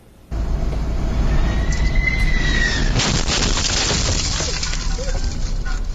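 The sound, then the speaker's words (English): A United Airlines Boeing 767 flying in from Italy, coming in to land near Newark airport, New Jersey: loud, steady engine roar with a thin rising whine, then a sudden crashing impact as it strikes a light pole and a bakery delivery truck, recorded by the truck's dashboard camera, the rumble continuing afterward. “The United Airlines jet struck a light pole and the truck while that jet was coming in for a landing.”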